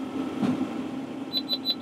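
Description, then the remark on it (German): A baler's warning beeper sounds four quick, evenly spaced high-pitched beeps near the end, signalling the bale is coming out of the press after the flap is opened, over the steady low drone of a running tractor engine. “Jetzt piept er nochmal, jetzt weiß ich, dass er beim raus ist aus der Presse.”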